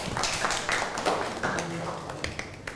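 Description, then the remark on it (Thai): A class of students claps for a classmate after a group presentation about a chosen temple, Wat Saket: a scattered, uneven patter of many hands lasting a few seconds, with a few voices mixed in underneath. “เก่งมากปรบมือให้เพื่อนหน่อยครับ”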